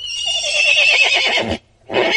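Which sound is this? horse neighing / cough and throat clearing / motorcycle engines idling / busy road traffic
horse neighing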